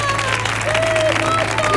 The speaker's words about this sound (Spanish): Hay pleno, ¿no? Fuerte el aplauso porque hay pleno.